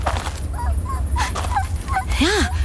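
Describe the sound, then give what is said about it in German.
A dog lying on a path whimpers in a series of short, high, wavering whines, ending with a louder rising-and-falling whine, over a steady low background rumble. “Hörst du das? Was? Ein Winseln.”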